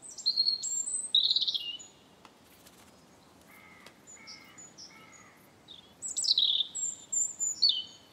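European robin song: silvery, high-pitched trills and warbling phrases in two bursts, with a quieter passage of thin sustained whistles between them, and no voices.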